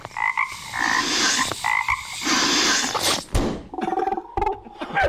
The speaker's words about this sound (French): Il y a des grenouilles qui parlent dans ma maison.